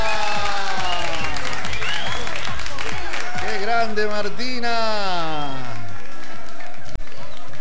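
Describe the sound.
A crowd claps and cheers loudly and steadily, overlapping voices whooping and shouting throughout, with someone calling out close by over the noise before it trails off near the end.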